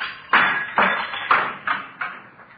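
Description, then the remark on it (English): A series of about five sharp knocks with handcuffs against window glass, trying to knock a hole in the top half of the window; each knock rings briefly, steadily spaced and growing slightly weaker, with no voices. “See if I can knock a hole in the top half of the window here.”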